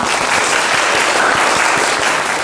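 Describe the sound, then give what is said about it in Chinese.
A class of students clapping together for a classmate's poem recitation, a steady, dense wash of applause that stays loud and even for a couple of seconds with no voices breaking through. “整体还是不错的啊，大家给他鼓掌啊。”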